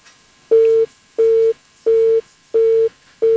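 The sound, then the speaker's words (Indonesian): A telephone line tone after a caller's call to a radio program drops: steady mid-pitched beeps repeating in an even on-off rhythm, about five pulses, clear and loud with no voices. “Terputus lagi. Yang ingin bergabung silahkan.”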